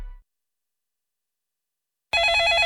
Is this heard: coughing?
no